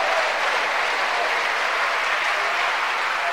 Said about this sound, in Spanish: ¿Cuánto le dan un aplauso a la misericordia de Dios?